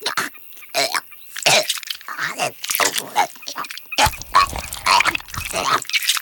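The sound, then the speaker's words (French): A barn owl regurgitates a pellet some hours after its meal, with a series of irregular, raspy gagging and retching bursts, some wet and throaty, punctuated by short pauses. No one speaks. “Oh, c'est dégoûtant, la chouette vomit.”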